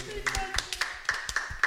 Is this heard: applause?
yes